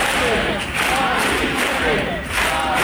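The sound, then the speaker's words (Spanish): A large protest crowd of about 20,000 people marching in Madrid, Spain, from the Puerta del Sol encampment chants together in a dense, steady roar of many voices, with rhythmic swells and brief dips as the chant repeats, loud and continuous throughout. “El sonido de Madrid, donde 20.000 personas, según delegación del Gobierno, han marchado desde la acampada en la Puerta del Sol hasta la que fue su casa.”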